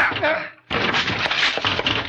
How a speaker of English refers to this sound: They shut me out and locked the door! Let's break it down. Come on, California! Both together now!